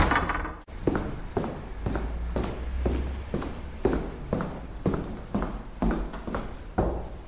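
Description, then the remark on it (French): The entrance door of a 19th-century building at number 6, rue Jean-Jacques Rousseau thuds open near the start, then a steady series of firm footsteps on a hard, woody floor, about one every half second, with reverberation, as someone walks into the building. “Je pousse la porte d'entrée et pénètre dans la bâtisse.”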